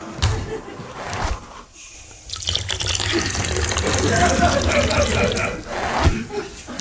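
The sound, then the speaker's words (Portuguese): A steady stream of urine splashes into water, running continuously for several seconds after a short quieter moment near the start. “As respostas, depois de um curto intervalo, para eu urinar.”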